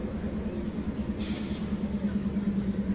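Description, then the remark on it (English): A train rolls past a ballpark during a Biscuits baseball game, chugging from left field out to center, with a steady, heavy low rumble and a droning hum, broken briefly by a short hiss of air partway through. No one speaks. “Carreras takes down and in as our friend the train says hello.”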